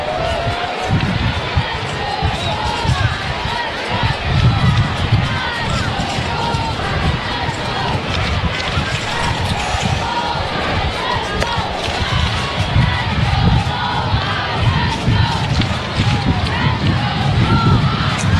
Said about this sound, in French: La foule qui s'anime, les jeunes qui s'animent, les jeunes scolaires 2-2. Troisième balle. Ce circuit 2 points de Marcelo a vraiment donné un électrochoc là au stade.